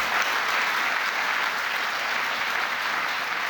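An audience at a meeting in Rimini applauds steadily after Italian foreign minister Tajani speaks, a dense, continuous wash of clapping at even loudness throughout, with no voices rising above it.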